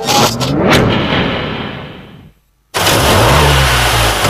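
A car recently serviced at the Thanopoulos Service garage revs and accelerates loudly, its pitch climbing, then drops out for a brief moment before roaring back and building again.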